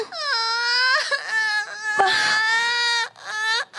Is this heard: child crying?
yes